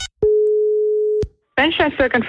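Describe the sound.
A single steady telephone ringback tone of an outgoing call to a shop in Eckernförde, Schleswig-Holstein, sounds for about a second, clear, then stops; after a brief pause a voice begins speaking.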